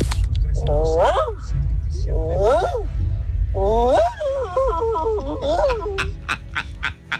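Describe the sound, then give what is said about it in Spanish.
A voice imitates a workshop dog barking in four loud bursts of strained, yelping barks with wavering pitch, followed by a few sharp clicks at the end. “Mi talento oculto es como perro de taller.”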